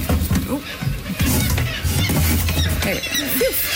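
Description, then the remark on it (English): A kittiwake screams harshly in repeated raspy squawks, loud, while being handled, over a dense, noisy background of other calls and clatter that never drops to quiet. “Depending on the bird, this can be a really seamless, easy process, or it can make such a racket. They yell, they bite, they scream, they throw up on you, they poop.”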